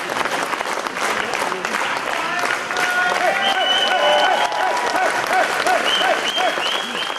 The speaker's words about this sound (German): Nach rund 30 Minuten kam die Veranstaltung dann zu ihrem Höhepunkt. Wie ein siegreicher Matador zog Ulrich Siegmund unter lautem Jubel in das Gästehaus Spiegelsberge ein.